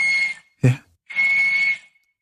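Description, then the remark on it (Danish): A walrus whistling on land: two long, steady, shrill whistle tones, fairly loud, separated by a brief low thump. No voices. “Det er en valros.”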